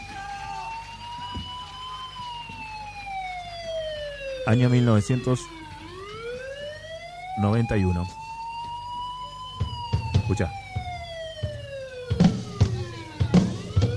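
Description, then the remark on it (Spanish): A police siren wails in long rising and falling sweeps, loud and steady throughout, with a man briefly speaking over it and some crowd-like noise near the end. “Sirenas.”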